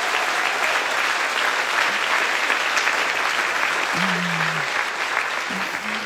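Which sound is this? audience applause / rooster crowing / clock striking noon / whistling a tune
audience applause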